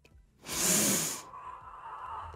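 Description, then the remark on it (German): A woman on a meditation recording takes a single slow, hissing breath, loud, that swells and fades, followed by a softer, airy trailing breath with no talking. “Schatz, warum atmet sie?”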